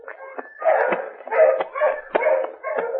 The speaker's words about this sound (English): The hounds are getting closer. Come on, let's get going.